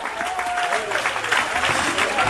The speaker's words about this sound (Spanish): Dele fuerte aplauso al Cristo de la gloria.